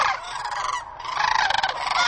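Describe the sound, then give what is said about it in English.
A flock of fowl calling loudly and continuously, a dense burst of overlapping gobbling, honking cries with a brief dip in the middle before the chorus swells again, no voices present. “I search for the perfect bird calls and songs.”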